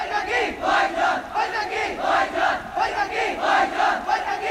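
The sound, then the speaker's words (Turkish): A large crowd of Pakistani protesters shouts and chants together in loud, rhythmic surges, many voices rising and falling in repeated waves with no pause or single voice standing out. “Bu sesleri duyuyor musun? Bu Pakistan halkının sesi.”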